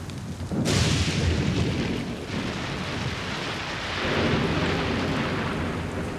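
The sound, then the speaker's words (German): A sudden crack of thunder from a thunderstorm in the mountains breaks out and rolls into a long, loud rumble that swells again near the end, with steady rain hissing underneath and no voices. “Schon krass, ey, Gewitter in den Bergen.”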